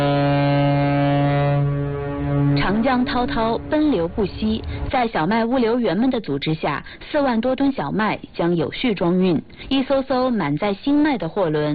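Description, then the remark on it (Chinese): A cargo ship laden with newly harvested wheat blares its horn in one long, steady, deep blast as it departs on the Yangtze River, fading out as a voice begins narrating over the lingering rumble. “长江滔滔奔流不息，在小麦物流员们的组织下，4万多吨小麦将有序装运，一艘艘满载新麦的货轮鸣笛起航，沿着长江干流和支流，将小城的丰收驶向。”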